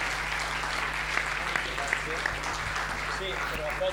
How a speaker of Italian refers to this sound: Eccoci qua, un applausone alle pubbliche assistenze.